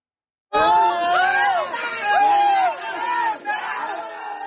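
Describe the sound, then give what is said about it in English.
In a narrow cave in central Laos, rescuers erupt into loud cheering after finding five people trapped alive by a landslide, many overlapping voices shouting with rising and falling pitch, sustained for about four seconds after an abrupt start, with a brief dip near the end. “In central Laos, cheers from rescuers after they found five people stuck in a narrow cave alive.”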